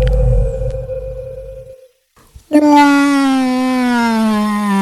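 A loud, drawn-out whale call: one deep, resonant moan sliding slowly downward in pitch. It follows a low underwater-like rumble and a brief silence, and carries on steadily to the end.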